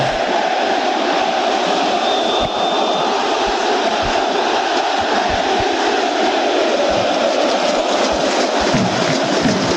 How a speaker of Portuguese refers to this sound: A torcida do Vascão aí cantando.